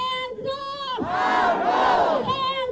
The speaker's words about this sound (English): Hundreds chanted No Jim Crow 2.0 and shame as lawmakers met today to approve new maps splitting Memphis and its majority black voting bloc into three districts, one of which spans nearly 300 miles.